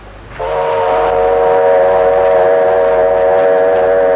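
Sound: train whistle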